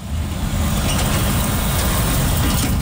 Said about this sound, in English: Trucks thunder along Intermodal Drive past Triple M Metal, where firefighters are still on site watching for flare-ups.